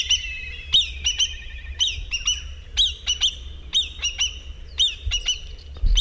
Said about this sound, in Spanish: Esto es un milano negro que no llega a volar tan alto, pero bueno, seguramente sería capaz de hacerlo, seguramente.